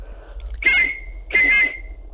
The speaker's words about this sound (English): Oh, you've got your whistle. You've got the whistle.